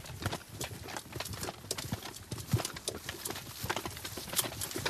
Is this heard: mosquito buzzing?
no